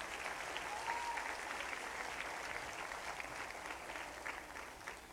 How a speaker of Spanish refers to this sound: El maestro Juan Manuel Solís Delgado tuvo que retirarse, pero bueno, también un aplauso fuerte para él.